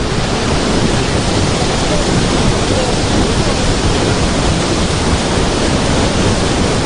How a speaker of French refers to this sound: le volume d'eau est très important. Et effectivement, on va s'approcher parce qu'on entend un sacré vacarme.